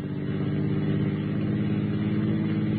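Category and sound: vehicle, car engine accelerating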